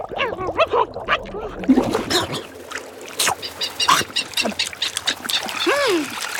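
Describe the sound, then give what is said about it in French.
Albatrosses squabble while feeding on bait from a fishing boat, dipping their heads under the water, a crowd of harsh, honking and braying calls overlapping in quick bursts, with occasional splashing water underneath. “L'albatros ne se fatigue pas à pêcher. Il se sert parmi les appâts du bateau de pêche.”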